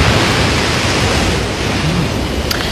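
A steady, dense hiss of ocean waves washing onto the shore, continuous and fairly loud throughout, with no distinct individual breaks and no voices.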